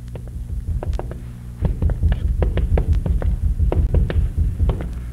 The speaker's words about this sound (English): Pound on the door now, hard. With pleasure.